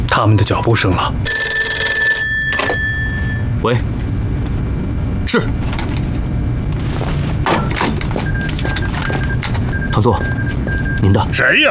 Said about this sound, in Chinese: 喂，是，团座，您的。谁呀？电话追到这儿来了。